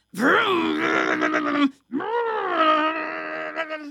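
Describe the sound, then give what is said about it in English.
A voice imitates a vacuum cleaner running with two long, droning groans, a brief pause between them, loud. “I hear the vacuum.”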